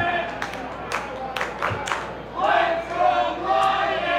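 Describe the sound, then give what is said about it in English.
A baseball crowd in Binghamton, at a Southern Tier Scoop Scoundrels game, chants "Let's go Wyatt" for a fan-favorite player in unison, voices rising together in rhythmic bursts, with scattered claps punctuating the first half before the massed cheering swells louder. “You can hear the Let's Go Wyatt chants.”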